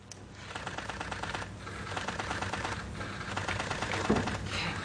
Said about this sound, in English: And I want you to actually see that moment as it was signed into bill, as applause would broke out. Let's take a look.